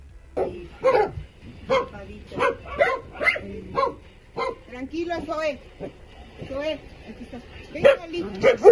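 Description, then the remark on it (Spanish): A large mixed-breed dog named Zoe at a rescue for large mixed-breed dogs barks in a series of sharp, loud bursts, interspersed with high, wavering whimpers and whines midway through before the barking resumes. “empeñó su amor y su trabajo por el cuidado de perros mestizos de talla grande que difícilmente suelen ser adoptados.”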